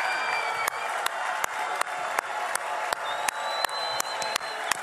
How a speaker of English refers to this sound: I think we can be a little louder than that. Let's make the entire Temple Mount hear our cheers of joy and celebration.